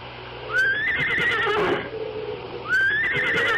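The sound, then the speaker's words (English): A horse whinnies loudly, a shrill, quavering neigh that rises and wavers for about a second, followed by a second whinny starting a moment later. No one speaks. “Then I made the long walk back to the woods, back to my horse, to my old friend, who stood patiently tethered, waiting for me.”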